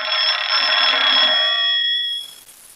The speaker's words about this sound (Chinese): 哎，哦，班长电话。